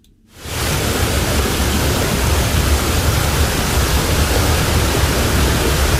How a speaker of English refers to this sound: At the moment, the river is winning the battle. You know, it's moving from right, from the lake, to left out to sea with no restriction whatsoever. At different times of the day, you could cross this river on foot at some times of the day.